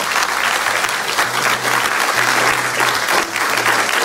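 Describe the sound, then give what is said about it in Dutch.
A live, enthusiastic audience at IMEC claps steadily for about four seconds, a dense, continuous wash of many hands applauding together, fairly loud, with no voices over it. “Daarom zijn we live in IMEC, ook met een levend publiek die geweldig enthousiast zijn.”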